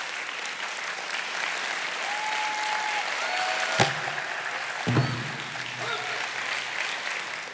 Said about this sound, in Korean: 박수로 환영해 주시죠.